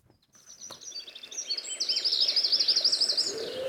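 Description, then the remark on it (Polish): A wren sings a loud, rapid trill, a bright run of high warbling notes building up and sustained, with other birdsong faintly in the background and no talking. “Te radosne trele należą do jednego z najmniejszych ptaków spotykanych w Danii.”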